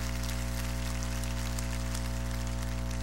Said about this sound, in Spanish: Démosles un aplauso también a ellos de bienvenidos.